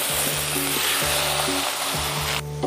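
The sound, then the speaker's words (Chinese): Sliced pork sizzles loudly and steadily in a large heated wood-fired wok, kept on low heat so the slices render fat, a dense crackling hiss with low scraping thumps from stirring every half second or so. “大锅烧热，直接倒入切好的肉片。”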